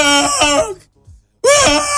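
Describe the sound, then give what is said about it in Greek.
Loud, high-pitched wailing cries in two long bursts separated by a short gasping pause, intense, with no talking, played back as a clip. “Άκου, το κλάμα.”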